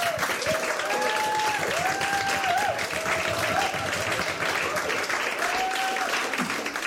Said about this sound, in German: Aber jetzt erstmal Beifall